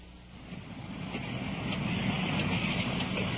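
Heavy rain pours down in a dense, steady hiss over a low rumble, swelling slightly louder as it goes on, with no voices.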